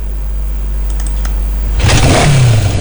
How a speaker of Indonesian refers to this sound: Hei, awas, ada motor di depan bro, awas sih.